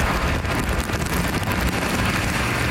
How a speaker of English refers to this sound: Despite the continual rainfall, people Global spoke with say they're happy to have the rain after the hot temperatures.